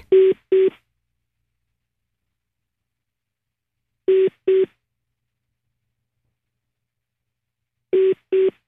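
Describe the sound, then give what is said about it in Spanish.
Telephone line tones of a three-way prank call being placed on the Panda Show: three pairs of short, steady electronic beeps, separated by long silent gaps, clear and fairly loud with no voices. “Órale, viene, llamadita de tres.”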